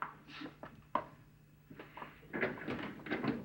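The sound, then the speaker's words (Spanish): A door is opened: a sharp latch click, then a scattering of rattles and knocks as it swings, moderately loud with no voices. “Me voy a esconder mientras tú abres la puerta.”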